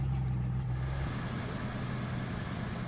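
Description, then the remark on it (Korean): The heavy engine of a mountain-village delivery truck, which had wound around mountain bends for three days, idles with a low, steady rumble, then the tone shifts and settles as the truck comes to a stop, moderately loud with no voices. “사흘간에 걸쳐 산 구비구비를 돌았던 산골 배달 트럭 도이센크항.”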